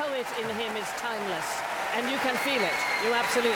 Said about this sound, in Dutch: En wat een ongelooflijke, prachtige pianist is dit. En opnieuw, groot applaus daar in de Royal Albert Hall in Londen voor de jonge Zuid-Koreaanse toppianist.